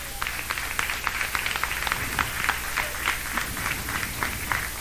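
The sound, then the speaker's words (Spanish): An audience claps for God for several seconds, a steady, dense patter of many hands with a roughly rhythmic pulse, fairly loud and unaccompanied by speech. “Dan palmas a Dios, hermanos.”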